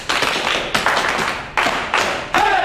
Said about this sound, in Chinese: 哎，给张彪组长鼓掌。